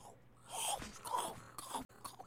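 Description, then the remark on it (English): Moist munching and crunching as someone chews food, with irregular bursts of crackly bites and smacking mouth sounds over a couple of seconds, no talking. “And munching and crunching and chewing.”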